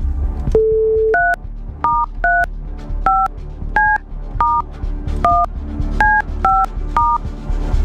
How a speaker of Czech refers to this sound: já jdu vytáčet to telefonní číslo, teď jsem zvědavý, jak to udělám s tím mrtvým ukazováčkem, ale třeba se to podaří.